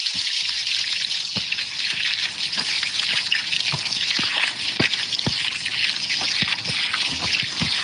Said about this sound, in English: Up about 5 yards, and we're going to water the runner beans.